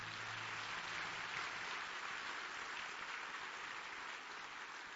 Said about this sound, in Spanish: Quiero que se dé un aplauso, felicítese.